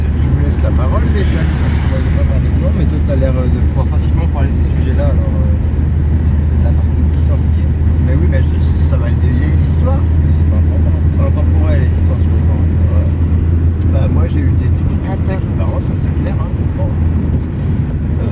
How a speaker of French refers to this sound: J'étais à côté de mon père pendant qu'il conduisait une bagnole comme ça, tu vois.